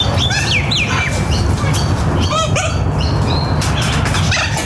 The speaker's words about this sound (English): That's a chicken, for God's sake.